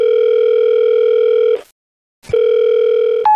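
A telephone ringback tone sounds while a staff member connects a call to a manager who came the day before: a steady buzzing tone for about a second and a half, a short silence, then the tone again, ending with a brief higher beep.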